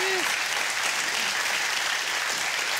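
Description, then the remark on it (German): Steady applause for a caller who won a prize by telephone on the show, a dense, even clatter of clapping hands at moderate loudness with no break or rhythm. “Der Applaus geht zu Ihnen.”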